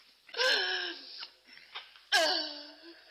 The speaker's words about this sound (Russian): Ну, не плачь. Не плачь, не надо. Ну, не плачь.